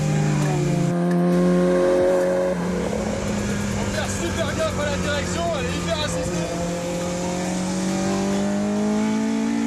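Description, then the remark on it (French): A rear-mounted 250-horsepower Honda engine revs hard through an open exhaust, reaching 9000 rpm, its loud, raspy tone climbing steadily in pitch, while an excited man talks over the roar. “Il est là, donc il est en direct, échappement libre.”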